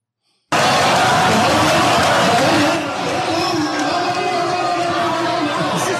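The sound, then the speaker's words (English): A large crowd at a town hall meeting boos loudly and continuously, the jeering roar kicking in abruptly and easing slightly partway through while still sustained. “This is a crowd that went to see him at a town hall.”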